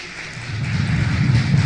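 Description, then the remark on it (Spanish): A church audience applauds the "King of Kings and Lord of Lords" in a dense, continuous wash of clapping that swells slightly louder as it goes on, with no voices standing out. “Dele fuerte aplauso al Rey de Reyes y Señor de Señores.”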